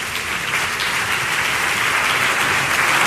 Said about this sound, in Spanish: Un aplauso para el coro de cámara de Granada.